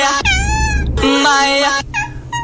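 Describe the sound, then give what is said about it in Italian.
A cat in a video meows loudly several times in a row, long drawn-out wavering cries, with a low rumbling background underneath. “Questo video del web divertenti, almeno secondo Angelo. No, questo è secondo Giovanni sempre. È un gatto.”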